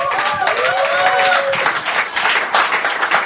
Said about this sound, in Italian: Altro applauso.